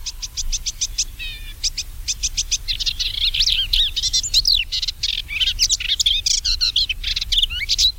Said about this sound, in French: Oui, le petit hippolaïs qui vit dans les buissons, alors lui, il a de quoi faire chez toi parce que tu as gardé les haies.